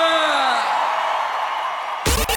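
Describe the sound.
A big crowd cheers and whoops loudly and steadily, rising voices blending into a dense roar for about two seconds before the sound cuts off abruptly into a brief, different burst.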